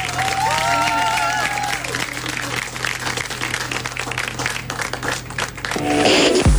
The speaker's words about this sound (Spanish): aplauso para